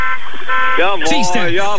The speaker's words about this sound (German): Ihr FFH hört, hupt jetzt. Jetzt hupt ihr überall.